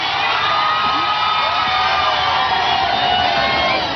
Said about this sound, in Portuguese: Há sempre muitos gritos de viva o Papa e também muitas palmas, e este é sempre também um momento de muita confusão.